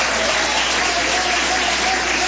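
Steady, dense applause from a church audience clapping for Jesus, a bright wash of overlapping claps at an even loudness with no voices standing out.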